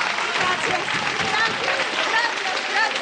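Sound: audience applause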